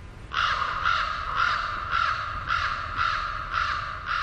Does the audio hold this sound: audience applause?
no